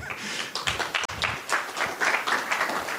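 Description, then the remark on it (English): An audience claps in a steady burst of applause for Amazon's sponsorship of the project's S3 storage bill, a dense crackle of many hands that keeps going for the whole stretch at a fairly even level, with no talking. “Yeah, we can applaud that.”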